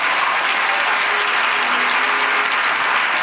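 Steady audience applause, a dense, even wash of many hands clapping at a constant fairly loud level throughout, with no voices rising above it.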